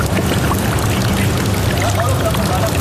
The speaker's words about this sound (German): 3 Etagen tiefer ist es, zwischen meterhohen Metallwänden trocken oder zumindest fast. Da und dort drückt ein bisschen Seewasser rein.